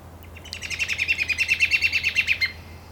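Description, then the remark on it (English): A red-winged blackbird's alarm whistle rings out in the afternoon as a quick, even series of a dozen or so sharp high notes lasting about two seconds, over a faint steady low hum. “We can hear the sporadic alarm whistle of the red-winged blackbird as it pierces the sleepy afternoon air, along with the Pacific chorus frog croaking drowsily.”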